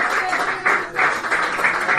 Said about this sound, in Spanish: Démosle la bienvenida al Espíritu Santo con esas palmas.